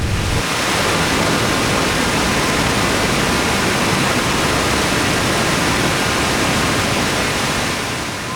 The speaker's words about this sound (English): We're going to walk to the river. You'll get to see the treated water go into the river.